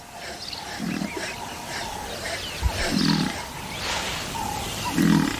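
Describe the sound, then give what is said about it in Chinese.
Deep, throaty animal roars and grunts come in three heavy bursts about two seconds apart, over a rough, noisy background, as a large African buffalo charges down a riverbank and drives off a lone lion. “一头壮硕的非洲水牛冒险冲下河岸，赶走了这只单打独斗的狮子。”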